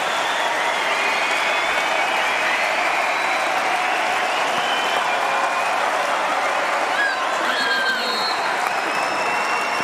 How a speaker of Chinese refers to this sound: 今天在现场还是来了非常多的中国队的观众，来为姑娘们加油打气。